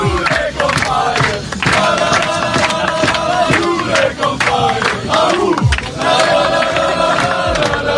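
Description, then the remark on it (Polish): Players of Poland's U21 national football team, coached by Jerzy Brzęczek, cheer and chant loudly celebrating yesterday's European Championship qualifying win, voices overlapping in rhythmic shouts and whoops that stay dense and energetic throughout, with sharp claps and yells punctuating the din. “Zespół Jerzego Brzęczka jest ostatnio nie do zatrzymania, a zaufanie do selekcjonera piłkarze pokazali, fetując wczorajszą wygraną.”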